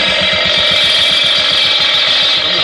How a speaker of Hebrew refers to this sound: תפסיק רגע את המכונה.